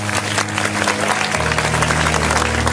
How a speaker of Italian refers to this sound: facciamo un applauso a Ricky Valza.